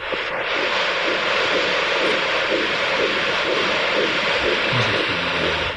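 The second twin's fetal heartbeat on a Doppler monitor: a fast, steady rhythmic whooshing pulse buried in loud, constant hissing static, with no voices.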